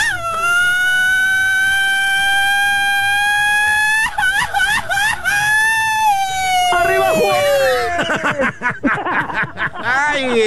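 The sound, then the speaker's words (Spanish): A loud, long sustained shout in a rematch of a shouting contest, started after a countdown, holds a steady high pitch for about four seconds, then wavers and slides before breaking into choppy vocal bursts and what sounds like laughter. “Oye, dame la revancha para el grito, amigo.”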